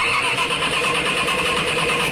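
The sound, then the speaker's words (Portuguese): A car engine cranks over and over without catching, a loud, steady grinding whir that struggles to start, with no voices. “Dificuldade de dar a partida?”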